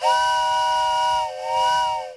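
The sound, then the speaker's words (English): A loud steam train whistle blows in two long blasts, the first about a second long and the second slightly shorter, with a breathy hiss of steam beneath the piercing chord. “Now boarding the express train for Pat's opening.”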